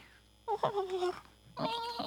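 A cat meows twice in quick succession, each call clear and drawn out with a slight falling pitch, close by and fairly loud, with a brief pause between them.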